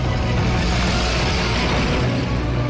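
A heavy, continuous roar of a convoy of military trucks speeding with headlights on along a winding mountain road, their engines droning loud with a deep low rumble and rushing noise, no voices.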